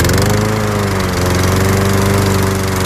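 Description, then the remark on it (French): A ride-on lawn mower engine, used to mow green spaces around a large car factory, runs steadily and loudly, a constant droning hum with strong low harmonics and a rough mechanical rattle throughout, no voices. “J'étais bien sur ma tondeuse.”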